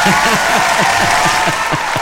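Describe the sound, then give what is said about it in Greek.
A burst of applause, dense steady clapping from a group of people that holds at a fairly loud, even level for the full two seconds. “Πήραμε και χειροκρότημα, άκου λέει.”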